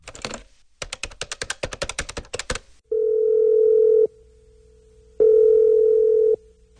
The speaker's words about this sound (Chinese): 他放下了资料，拨了一个电话。